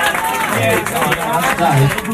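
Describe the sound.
Steady audience applause called for by performers for a band member's tank top, a dense, continuous wash of many hands clapping at an even loudness, with crowd voices mixed in throughout.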